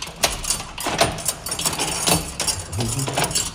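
Keys jangle and scrape in a door lock in a church, one of two locks that open it, with a series of sharp metallic clicks and clinks over about three seconds, followed by a brief low creak near the end.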